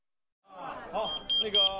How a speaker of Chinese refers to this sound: 不好意思啊，我的 BB 机响了，我去那边回个电话。